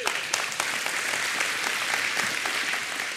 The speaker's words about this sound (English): He's a preacher, and he's going to do a great job with our new converts. Y'all supposed to clap for him.